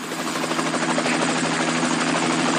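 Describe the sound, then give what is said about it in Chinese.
The rotors of a Boying T1400 tandem-rotor drone, with a maximum payload over 650 kg, drone steadily on its maiden flight in Harbin, China: a loud, continuous whirring hum with a low, even throb that stays constant throughout, with no voices. “这是在哈尔滨成功首航的纵列式无人机博影 T1400，它的最大载重超过650公斤，最大续航超过8个小时。”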